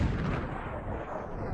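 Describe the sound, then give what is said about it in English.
A dense, continuous barrage of fireworks explosions, loud booms and crackling bursts piling on top of each other with no pause, filling the whole clip without any voices. “Dreamweaver and Meat and Potatoes are here at Memory Fireworks.”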